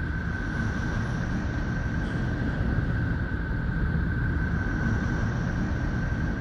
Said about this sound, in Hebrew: ממש מזכיר קצת נשימות. אנחנו תכף נחזור לצלילים של נפטון.